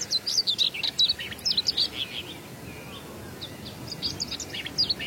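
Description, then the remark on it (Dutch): Two common whitethroats sing territorially in quick, scratchy bursts, the phrases trading back and forth as if answering each other, clear over a quiet outdoor background with no talking. “Twee grasmussen die een beetje tegen elkaar aan het zingen zijn om het territorium af te bakenen.”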